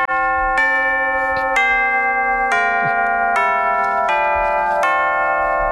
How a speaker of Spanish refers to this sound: Es un poco campana. Suena timbre. Es un poco timbre, sí.